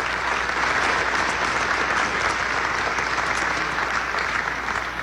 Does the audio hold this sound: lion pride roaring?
no